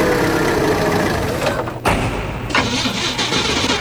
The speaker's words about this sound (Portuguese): Ih, rapaz, não é de ver que o carro tá falhando? Falhando? Onde você abasteceu esse carro, criatura? Uai, abasteci ali no posto pertinho de casa.